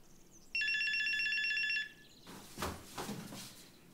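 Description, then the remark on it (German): A mobile phone rings with a loud, bright electronic tone lasting just over a second, followed by soft rustling and handling noises. “Hast du das Handy noch?”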